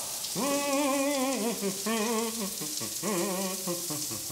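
Water runs in a coin-operated campsite shower at Camping Fulda-Schleife, a steady, hissing spray throughout, while a wavering melodic tone, like someone humming, rises and falls over it in several phrases.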